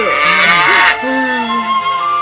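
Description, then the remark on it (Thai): A black cow moos loudly, a long drawn-out low call that wavers and shifts in pitch, heard on its own with no talking. “นางเดินไปลูบหัววัวดำซึ่งบัดนี้นอนอยู่ใกล้ๆเพราะความอ่อนเพลีย”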